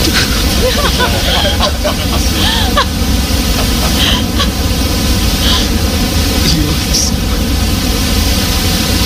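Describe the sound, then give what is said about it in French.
Steady, digitally generated brown noise, a deep continuous rumbling hiss like waves, lower than white noise, loud and unchanging for the whole stretch with no pauses or voices. “Alors, par exemple, j'ai créé pour vous en deux clics un bruit brun. C'est un bruit qui ressemble un peu à des vagues.”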